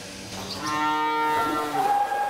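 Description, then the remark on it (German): A cow that has just calved lets out a single long, loud moo with a rich harmonic tone that rises slightly and ends on a higher, drawn-out note, with no one talking. “Und Kalb und Kuh sind wohl auf.”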